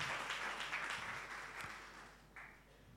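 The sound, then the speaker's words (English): A crowd applauds steadily at a school debating competition in Ghana, many hands clapping in a dense, continuous patter that fades slightly toward the end, with no voices over it. “Well, I'm sure you can do better with the applause, please.”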